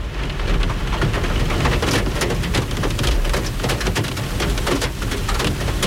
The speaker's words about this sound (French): Et puis là, il pleut, ça va pas nous aider.